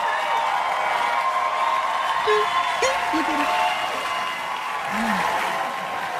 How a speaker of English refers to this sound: It's a long applause here. Yeah, it is. People were excited Dana Carvey showed up.